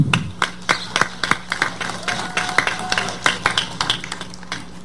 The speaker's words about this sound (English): Thank you, Genevieve. Thank you for that. Let's give Genevieve another round of applause.